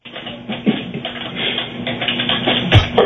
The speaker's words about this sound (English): You're typing so loud.